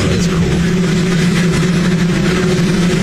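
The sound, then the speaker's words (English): The engine of Marine One, a new, larger helicopter model, runs in a loud, steady drone, with deep humming tones beneath a broad whooshing roar that holds constant throughout, with no voices. “Well, the reason is because the new air, whatever it is, new helicopter, it's too big for the South Lawn.”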